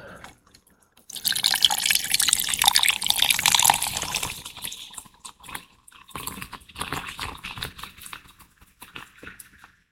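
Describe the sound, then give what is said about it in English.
Cola pours over silver rum with lime for a Cuba Libre in a steady, hissing stream for a few seconds, then settles into a softer crackle and fizz with scattered pops and drips, with no one talking. “And the fizz.”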